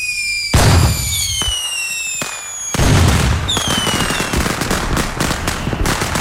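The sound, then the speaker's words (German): Loud fireworks: two big booming bursts followed by a dense stretch of crackling pops, with several high whistling tones sliding downward overhead throughout. No voices. “Ja, eines der größten Feuerwerke in NRW findet morgen in Köln statt.”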